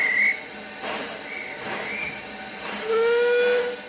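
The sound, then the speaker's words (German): A steam locomotive on a volunteer-run narrow-gauge railway in Tywyn sounds its whistle in short, bright blasts over a steady rushing hiss of steam, with a longer, louder whistle near the end; no one speaks. “Hier dampfen keine Nachbauten. Die älteste funktionstüchtige Lok stammt von 1866, also ein echter Museumsbetrieb.”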